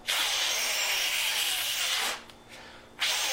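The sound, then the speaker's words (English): Someone blows hard into a Nintendo Entertainment System (NES) game cartridge that wasn't working when inserted: a long, steady, breathy hiss of air, a brief pause, then a second blast begins. “That guy is blowing into the cartridge of a Nintendo game because when you put it in, it wasn't working.”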